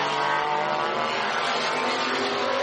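A steady, loud roar of race car engines at high revs as cars battle for sixth position on track in daytime, Dwight Merriman in the 81 Era Motorsport car and Stefan Trabadini round the outside, with a dense, buzzing drone throughout and no voices.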